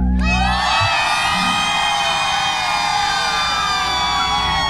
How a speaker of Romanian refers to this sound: Cât puteți voi de tare, vreau să știe toată România câtă lume e în Galați pentru autorul ….